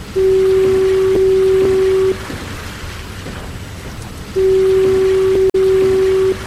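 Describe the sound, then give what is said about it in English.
The automated electric fog signal of the Point Wilson lighthouse, which replaced compressed air horns in the 1970s, sounds two loud, steady low blasts, each about two seconds long, separated by a pause, over a constant hissing background like rain. “In the 1970s, Point Wilson entered the modern age, and the lighthouse and fog signal were automated. An electric signal replaced the compressed air horns.”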